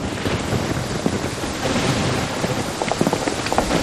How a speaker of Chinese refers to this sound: 大嫂，看样子好像是要下雨啊，要不你和太太们先回，俺在这守着。 下雨。